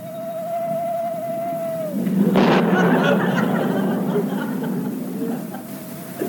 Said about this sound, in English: Hear that? Owl hoot and a thunderstorm. Two very good omens.